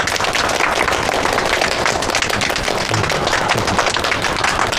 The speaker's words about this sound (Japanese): みんな拍手。